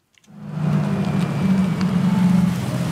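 A small blue electric minibus, with a driver at the wheel and cameras and sensors on the outside, pulls up almost silently with a soft, steady low hum and faint road hiss, fading in over the first moment. No one speaks.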